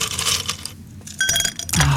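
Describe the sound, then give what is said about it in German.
Several hard, bright clinks and clatters land in a glass, a quick burst of ice cubes tumbling into coffee on a hot morning, with a short pause between the first drops and the rest. “Schön, noch ein paar Eiswürfel in den Kaffee.”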